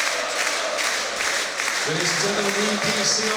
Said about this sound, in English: Listen to the noise been made here. Not a capacity crowd, which is a shame, but a pretty decent one. And those who weren't here will wish that they were here.